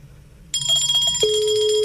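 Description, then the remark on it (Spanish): A bright, high-pitched bell-like ringing, Santa Claus's bell, starts abruptly and keeps going steadily to the end, joined partway through by a sustained lower tone. It is fairly loud, with no one talking. “Está sonando. Papá Noel, su campana está sonando.”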